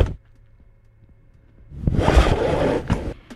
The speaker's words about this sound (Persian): خب البته فکر کنم ماشینش بسیار قدیمیه. بله کمربند، موقع کمربند زدن ماشین چجوری شت شت. بله کمربند یا بلت ماشینه بچه ها.